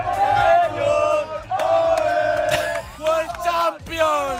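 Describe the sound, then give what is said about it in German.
Hundreds of fans at the Radio Wien public viewing of the World Cup final, held at the Salettl am Campus in Vienna's 9th district, cheer and chant loudly in sustained, rising waves. Their voices blend into a roaring, tonal shout with brief dips between surges. “Ja, und dementsprechend gut war jetzt aber auch die WM-Finalstimmung, auch beim Radio Wien Public Viewing im Salettl am Campus im 9. Bezirk. Mhm. Hunderte haben da wirklich bis knapp nach Mitternacht das Finale mitverfolgt.”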